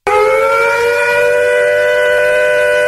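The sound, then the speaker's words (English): A civil defense air raid siren blares steadily and loudly, its layered harmonic tone holding a sustained, slightly falling pitch for about three seconds with no voices present. “What would you have done if you'd heard these sounds?”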